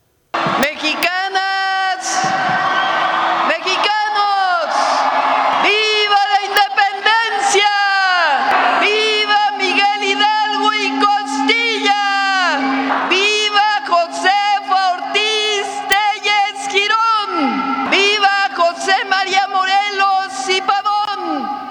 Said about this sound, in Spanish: Vamos a poner un poquito, por si usted se lo perdió, para ver cómo fue El Grito de la presidenta.